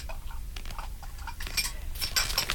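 Dishes and cutlery clink irregularly as someone washes up, over a steady low rumble, with sharper, brighter clatters bunching together toward the end. No one speaks.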